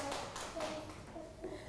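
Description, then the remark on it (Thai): A group of schoolchildren in a classroom claps their hands for a classmate in a quick, uneven patter for under two seconds, with faint young voices mixed in beneath the clapping. “ปรบมือให้เพื่อนอีกครั้งค่ะ”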